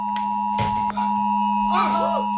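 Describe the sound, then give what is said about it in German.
A steady electronic warning tone, a low hum layered with a higher sustained pitch, holds unbroken for the whole clip while brief clicks and a warbling, chirp-like sound pass over it. It is the test alarm of the nationwide warning day, sent at 11 a.m. over radio, TV, mobile phones, warning apps and display boards. “So wird es dann klingen, um 11 Uhr auf den verschiedenen Kanälen, im Radio, TV, auf dem Handy, über die Warn-Apps, auf Anzeigetafeln und die Sirenen werden rollen.”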